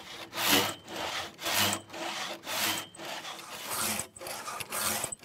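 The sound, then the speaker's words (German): A free-bladed hand saw, worked by three men, rasps steadily through a thick wooden beam lying on a sawhorse, with about six even back-and-forth strokes, each a broad gritty swell of noise. Fairly loud, with no voices. “Sägen können sie bis zum Holm des Bockes, auf dem der Balken liegt.”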